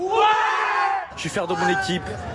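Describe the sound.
Loud, sustained cheering and shouting from Paris Saint-Germain football fans celebrating the Champions League triumph in the still tropically hot streets of Paris, France, some of them rioting, with overlapping voices and whoops forming a dense, rising and falling roar throughout.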